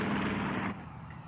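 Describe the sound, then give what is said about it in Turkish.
A dense, loud clattering roar, like an airplane rattling all over, fills the first half second and then drops to a quieter rumbling noise. No one speaks. “Uçağın her tarafı şakırdamaya başladı.”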